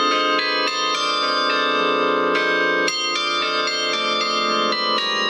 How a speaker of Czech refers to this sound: No, protože oni mají jako hlavní úkol koncertovat v tom městě, kde jsou takzvaně statutární a hrají třeba při příležitostech, když je v sobotu trh, tak aby se lidem dobře nakupovalo, tak k tomu hraje zvonohra z městské věže.